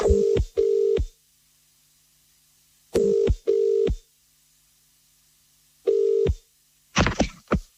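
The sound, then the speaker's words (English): A telephone ringing out on the line as a call is placed to a listener, its tone coming in three double-burst rings separated by silences, then a brief clatter as the call connects. No one speaks. “And if you are one of those people, stare at your phone right now because we are calling one of you to put you on the standby list. We are ringing.”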